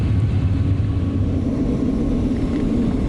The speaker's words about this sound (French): Alors c'est assez impressionnant, on fait des virages à 90 degrés. Et on voit les avions autour de nous qui se rassemblent et on s'est tous mis en file.